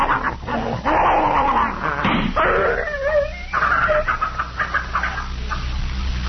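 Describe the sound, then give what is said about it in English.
A poisoned dog named Tiger yelps and whines in pain while being held, a rapid string of high, strained cries and snapping sounds as it tries to bite, loud, with no speech over it. “but he was in such pain he'd have bitten both of us.”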